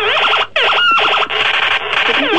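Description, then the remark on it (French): A sound-effect keychain toy blares loud electronic warbles and zapping sweeps in a few rapid bursts separated by brief gaps, with no talking. “Refais les bruitages sans rien dire, refais des bruits. J'ai un porte-clés qui fait le même truc”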